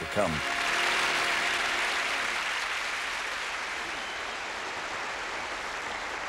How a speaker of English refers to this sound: Well, aren't they lovely? No, see, that applause, it just shows you how lovely you are.